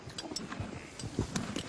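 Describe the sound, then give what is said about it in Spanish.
A cow regurgitating its cud while ruminating, bringing swallowed grass back up from its stomach to chew again, heard as soft, irregular wet gulps and low thumps mixed with faint clicking over a quiet, steady background hiss. “Escuchen cómo regurgita el bolo.”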